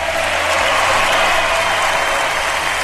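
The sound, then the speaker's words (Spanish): A crowd breaks into steady, loud applause in the studios of radio Aconcagua, welcoming deputy Nelson Venegas Salazar: dense clapping that fills the whole stretch without pause and with no voices above it. “¿A quién lo vamos a recibir con un cariñoso aplauso?”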